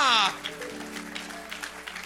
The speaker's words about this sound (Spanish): Denle un aplauso fuerte a Jehová.